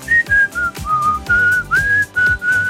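A person whistles a short melodic tune, a sound logo, with clear sustained notes stepping between pitches and soft rhythmic low-pitched beats of music underneath.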